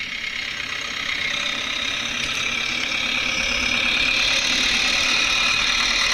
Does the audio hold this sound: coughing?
no